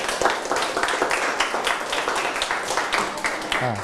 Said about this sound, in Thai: จบละ ปรบมือให้เพื่อนนะครับ